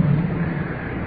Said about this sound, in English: And we're out in the open now. Along the creek. Probably can hear the water moving on out toward the ocean.